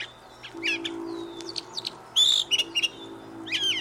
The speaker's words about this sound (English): bird we hear is the brown thrasher. It likes to sing from the top of a tree.